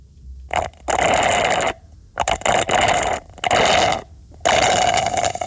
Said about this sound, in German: Du schlurfst mit einem Röhrle, wie man sagt. Röhrle. Mit dem Röhrle schlurfst du irgendwas aus einem Becher. Mhm. Es klingt nach einem Plastikbecher.